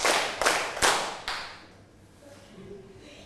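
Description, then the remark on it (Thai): Grade 3 schoolchildren clap their hands twice on cue in a few sharp, slightly ragged bursts, roughly four loud cracks in about a second, then the sound dies away into near quiet with a faint murmur. “ต่อไปอันนี้เอาจริงแล้วนะปรบมือสองครั้งค่ะ”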